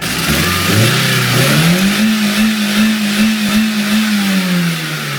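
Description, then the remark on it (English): A car engine with cheese put in its engine block revs hard, its pitch climbing steeply and then holding at a strained, high drone with rough, rattling noise, before the engine fails. The sound is loud, with no talking. “I play one on the radio, but I don't need a degree in mechanics to understand that putting cheese in an engine block will not end well. And this is how it ended.”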